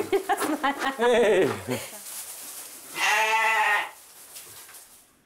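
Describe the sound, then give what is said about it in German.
A lamb named Bernadette, raised by keepers on a bottle, bleats twice, a quavering, wavering cry followed after a short pause by a longer, louder and steadier bleat, both clear. “Die Pfleger mussten das kleine USA-Schaf wochenlang mit der Flasche großziehen.”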